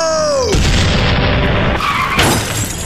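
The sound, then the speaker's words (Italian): A descending whine gives way at half a second to a loud, dense burst of noise as a ship's cannons bombard a car and its driver is thrown out onto the asphalt, with a second harsh surge near the end. “Iniziano a bombardarlo e finisce sbalzato fuori dalla macchina finendo a nuotare sull'asfalto.”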